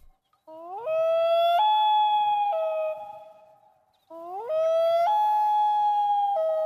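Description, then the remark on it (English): Two long, mournful wailing calls of a common loon on a calm, still lake at sunset, each rising and sliding up in pitch, holding a clear harmonic tone, then stepping down before fading, with a brief gap between them. “Typically, you'd be kind of lucky if you spotted that loon in the distance before it disappeared underwater or flew out of sight.”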